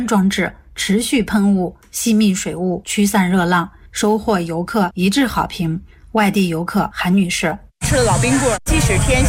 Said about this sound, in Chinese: 游览步道沿线增设的雾森喷淋降温装置，持续喷雾，吸蜜水雾，驱散热浪，收获游客一致好评。